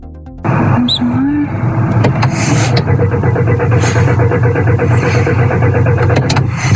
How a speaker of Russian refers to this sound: Сбрасываю просто на старт. И теперь со второй попытки заводим. Со второй завелась.